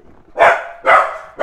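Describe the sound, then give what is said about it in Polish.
A dog barks three times in quick, steady succession, each bark loud, with nothing else audible in between. “Dobrze, może w takim razie by się piesek odezwał.”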